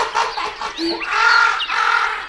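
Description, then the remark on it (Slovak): A raven gives a few loud, harsh, rasping caws in quick succession as it flies off, with no voices or other sounds around it. “Len si leď, Havran. Leď, ale ešte si nevyhral.”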